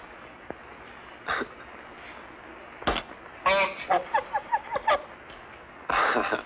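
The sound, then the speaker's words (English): A strange bird lets out a run of short, nasal honks in quick succession, fairly loud, with a few scattered single honks and a sharp knock. “The strangest bird I ever saw.”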